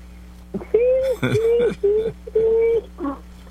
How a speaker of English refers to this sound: Sound like the birds are singing around your house.